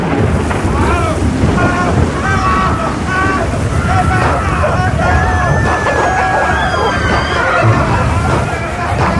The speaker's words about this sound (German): An Bord befand sich auch ein gewisser Robinson Crusoe. Doch das Schiff geriet in einen gewaltigen Sturm und dann passierte Folgendes.